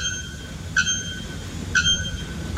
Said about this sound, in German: Der Nackkehl-Glockenvogel und der Rotfuß-Serima flöten mit über 120 Dezibel. Ja. Das ist lauter als eine laufende Kettensäge oder ein Presslufthammer. Flöten ist relativ, also so hört sich das Ganze an.